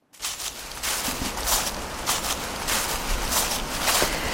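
Steady footsteps crunch through dry dead leaves, about two crackly steps per second, each a brittle rustling burst over a constant low background hiss, with no voices.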